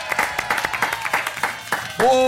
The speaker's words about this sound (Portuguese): Uma salva de palmas pra nossa dupla da produção